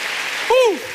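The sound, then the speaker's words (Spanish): An audience claps steadily for the Lord in a dense, even wash of hand claps, and partway through a single voice lets out a short rising-and-falling cry over the applause. “Vamos, denle palmas al Señor.”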